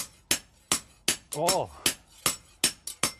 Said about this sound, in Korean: 제대로 된 망치질이란 무엇인지 한 수 보여주신답니다.